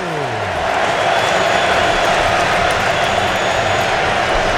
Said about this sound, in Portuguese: Sinta o clima do estádio em Nova Jersey, torcida equatoriana vai ao delírio.